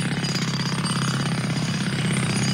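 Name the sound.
jackhammer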